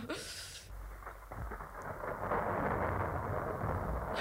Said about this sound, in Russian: Вот это действительно гроза.